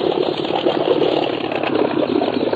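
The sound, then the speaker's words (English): A small boat's engine runs on a river as the boat comes around a bend, a steady, even idle, a continuous mid-pitched motor drone that stays fairly loud throughout, with no voices over it. “On the river, just coming around the bend. Oh, a small boat.”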